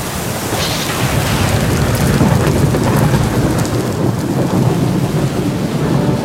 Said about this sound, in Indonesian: Cuaca bisa berubah cepat, lebih cepat dari yang kita kira. Hujan deras disertai petir, angin kencang, bahkan panas ekstrim bisa terjadi tiba-tiba.